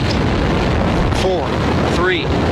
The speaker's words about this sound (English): Booster ignition. And lift off. The crew of Artemis 2 now bound for the moon. Humanity's next great voyage begins.